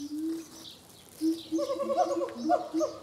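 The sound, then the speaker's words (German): A macaw squawks angrily in an aviary, one short call and then a longer run of loud, bleating, strained cries that rise and fall without pause. “Ein wütender Ara, nicht gerade ein Traum.”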